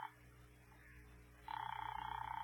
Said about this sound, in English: Ring that line you've been holding for me. All right, Doctor, it's ringing here.